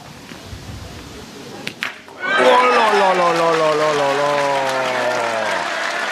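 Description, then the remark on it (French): Spectators in the stands at Saint-Yrieix-sur-Charente break into loud, sustained applause after Cyril Bégon's successful 3-point shot from over 12 metres, a dense wash of clapping that swells suddenly and holds steady to the end, with a man's voice talking over it. “Ah oui, là les applaudissements qui descendent des travées de ces tribunes de Saint-Yrieix-sur-Charente”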